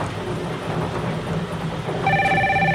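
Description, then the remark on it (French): A steady electronic bell starts ringing near the end, loud and sustained, announcing a winner in a game, over a dense background hum of noise that runs throughout. “Eh bien, la sonnerie nous annonce un gagnant.”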